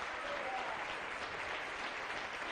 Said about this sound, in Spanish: Dele un aplauso al Señor ya que se lo quiere dar. Aleluya. Gloria a Dios.